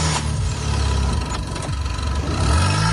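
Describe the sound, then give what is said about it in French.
The engine of a car with a good battery, connected to a car with a dead battery for a jump start, runs loudly and steadily, its low rumble rising briefly in pitch near the end as it revs, with no voices. “Une fois les deux voitures ainsi reliées, démarrez le véhicule équipé de la batterie en bon état et laissez tourner le moteur quelques instants, puis essayez de démarrer la voiture en panne.”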